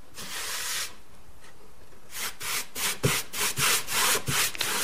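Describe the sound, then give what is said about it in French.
Beeswax mixed with orange bark essence being rubbed onto a wood sample to change its colours: a long breathy scrubbing stroke, a pause, then a quick rhythmic series of about eight brisk, hissy back-and-forth rubs. No one speaks. “Je viens cirer un de mes échantillons puisque en appliquant la cire, les couleurs changent.”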